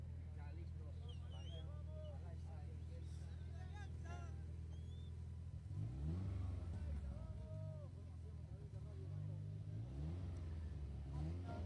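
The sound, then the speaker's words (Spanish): Several race car engines idle at the starting point with a low steady rumble, then rev up loudly around the middle, rising and falling in pitch, while indistinct voices chatter in the background. “Ahí se alistan más coches.”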